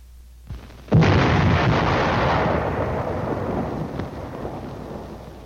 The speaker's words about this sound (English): Next, the burst of the shell on impact.